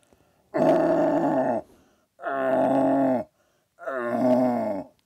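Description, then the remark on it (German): A human voice, a several-time Vorarlberg deer-calling champion, imitates a young red deer stag's call: three loud, groaning roars of about a second each, rich and throaty, separated by short pauses. “Und er spielte mal vor, einen jungen Hirsch. Und jetzt der junge Hirsch und nachher der Blatthirsch.”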